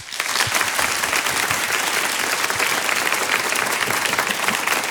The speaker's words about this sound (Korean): 오늘 정말 방대한 자료와 강연 준비하신 장은정 부장님께 다시 한번 큰 박수 부탁드립니다.